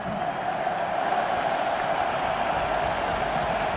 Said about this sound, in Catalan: Doncs escoltarem les ovacions pels dos jugadors que entren. Entra Fermín i ara entrarà Rodri.